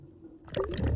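Water gurgles and splashes into a bottle, starting after a brief quiet moment and continuing steadily with bubbly, glugging sounds close to the listener.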